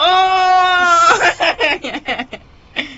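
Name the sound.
goat bleating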